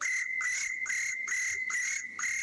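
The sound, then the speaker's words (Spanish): A person imitates a cricket, producing a steady, shrill whistled tone broken into rapid, evenly spaced chirping pulses, about six bursts in a row, fairly loud with no talking. “Hablando de imitar sonidos de animales, a mí me sale el grillo.”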